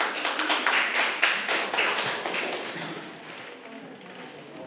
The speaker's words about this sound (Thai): ปรบมือให้กลุ่ม2ค่ะ